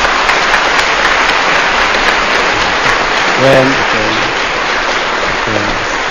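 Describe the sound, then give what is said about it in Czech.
A crowd in Brno applauds for Luděk Sobota with dense, sustained clapping that fills the whole stretch, while a few brief voiced calls or shouts rise above it midway and near the end. “Potlesk pro Luďka Sobotu.”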